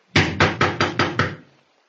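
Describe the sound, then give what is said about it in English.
Six firm, evenly spaced knocks on a house door in quick succession, fairly loud, fading into quiet afterward with no voices. “You going to knock?”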